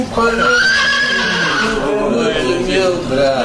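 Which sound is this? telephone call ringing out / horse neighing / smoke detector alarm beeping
horse neighing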